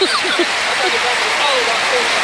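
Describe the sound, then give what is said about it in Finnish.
A large standing arena crowd claps in a dense, steady roar of applause that holds at an even loudness throughout, with a few voices rising briefly above it at the start. “2-3-2 Tampere avaushyppy ja yleisö seisoo, yleisö taputtaa ja Tampere viittoo kun lintu siivillään, että nyt sitä ääntä lisää.”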